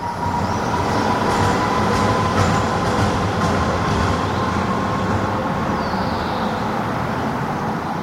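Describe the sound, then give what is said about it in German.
A tram in the city of Halle rolls steadily, its wheels grinding and squealing loudly around a curve with a thin, sustained metallic whine over the constant loud rumble of the rails, with no voices. “Also Halle, finde ich, klingt total nach um die Kurve fahrenden Straßenbahnen, die dabei ganz laut quietschen.”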